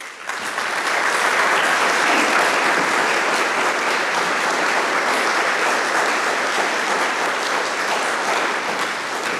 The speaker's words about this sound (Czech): 5+1, to je nástrojová sestava, která je tu právě teď s námi, a prosím, abychom ji přivítali potleskem.